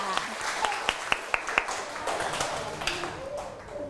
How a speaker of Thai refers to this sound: เด็กๆขอเสียงปรบมือหน่อยค่ะ